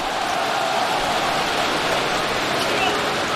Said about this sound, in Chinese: 好的，掌声送给 Bradley Brown， 欢迎59号塔克登场。